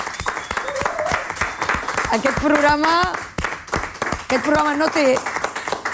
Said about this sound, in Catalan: Doncs repetim l'aplaudiment de tot l'equip.